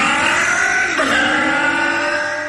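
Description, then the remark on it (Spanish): A car engine revs loudly and steadily, its pitch climbing and dipping once midway before holding a strong, sustained roar with no voices present. “Consumen menos aceite, arrancan en frío sin problemas, tienen más fuerza de arrastre, mejoran el rinde y andan miles de kilómetros más sin problemas.”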